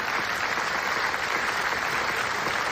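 A large crowd gives a standing ovation of nearly 25 minutes at the Venice Film Festival after a documentary's screening, the longest in the festival's history. It is dense, steady clapping from many hands at an even, loud level, with no voices standing out.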